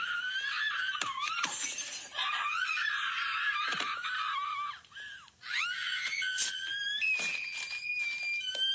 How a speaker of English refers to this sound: Now, it's supposed to be a recreation of a big scene from the movie Mean Girls. The problem is nobody remembers that particular scene. So it just looks like this lady is screaming because she put the audio from the movie over this.